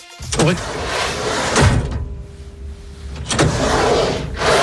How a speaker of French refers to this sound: Ouais, rangement, ça glisse. Alors, moi je pensais à quelque chose, mais peut-être que c'est pas ça. Est-ce que c'est un tiroir que l'on ouvre et que l'on ferme? Oui.